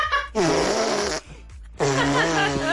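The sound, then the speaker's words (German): A girl blows two loud, buzzy raspberry fart noises with her mouth on her arm, each about a second long with a brief pause between, without any talking. “Papa, soll ich mal mit meinem Mund auf den Arm pupsen?”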